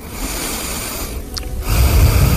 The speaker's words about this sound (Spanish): Quiero oír tu respiración, ¿eh? ¿Cómo es la tuya?